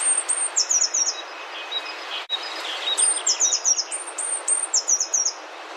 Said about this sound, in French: On s'intéresse aujourd'hui à la mésange bleue. On a déjà bien commencé à faire connaissance il y a quelques minutes avec elle. Eh bien, on va poursuivre notre observation de ce joli petit oiseau.